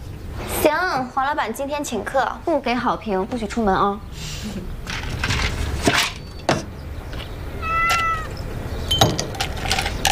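A cat named Huangdou, brought from Beijing and now the lucky cat of a shop built from converted shipping containers, meows several times in quick succession near the start, with wavering, drawn-out cries, followed by quieter room noise, soft clatter and a short high call later on.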